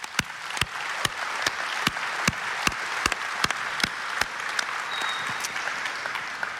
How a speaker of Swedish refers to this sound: En varm applåd!